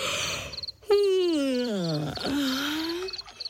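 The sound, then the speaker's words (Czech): A loud, drawn-out yawn of a young hippo in a story, voiced by a person, sliding down in pitch and then stretching back up over about two seconds, with faint chirping in the background. “Pomyslel si hroch a hlasitě zívnul.”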